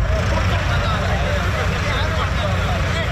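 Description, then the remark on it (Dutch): A steady, loud rumble of farmers' tractor engines running as tractors arrive at a gathering of hundreds of farmers in Rossum, a continuous low drone with no breaks, while indistinct voices murmur faintly underneath. “Als je hier ziet dat er aan trekkers aankomt, nou, dan kan het maar zo zijn dat er 3000 zijn.”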